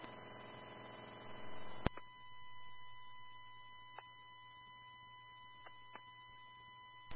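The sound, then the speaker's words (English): A steady electronic radio alert beep for a property check holds for about two seconds, then cuts off with a sharp click, leaving quiet radio hiss broken by a few faint clicks. No one speaks. “Four 42 little beep for that property check.”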